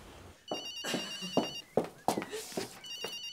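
A mobile phone ringtone chirps in repeated bright electronic bursts, moderately loud, while several sharp knocks and bumps sound in between.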